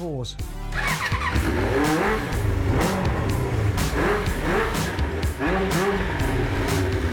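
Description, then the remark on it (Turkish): A car engine runs steadily and loud after its spark plug was cleaned by burning off the carbon with a torch, revving in repeated bursts with a harmonic drone, while voices talk over it. “Sorun yok, çalışıyor.”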